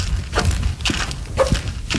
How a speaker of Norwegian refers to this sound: Der går vi. Husk det er halt, for det bare ene skoen som knirker. Og i tillegg så har du valgt å ha friskpastiller som raller i en helt egen rytme i lomma samtidig.